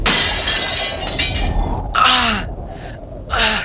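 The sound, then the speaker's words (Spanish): During a worsening storm in the attic of an old house, the wind slams a just-opened shutter into the window's glass panes: a loud crash followed by glass shattering and tinkling shards, with sharp gasping breaths breaking in between the bursts of debris. “el viento azotó la contraventana que acababan de abrir, lanzándola contra los cristales de la ventana donde Luis estaba de pie”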